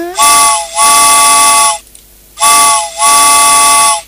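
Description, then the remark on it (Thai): A steam train whistle sounds in two loud double blasts as the train departs, each pair of long breathy hoots separated by a brief pause, with hissing steam throughout and no voices. “ไปแล้วรถไฟออกกันนะ”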